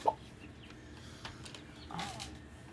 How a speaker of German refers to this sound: Nach 28 Tagen im Brüter sind die Küken geschlüpft. Hello. Eine neuartige Kreuzung, sogenannte Robust-Kuten.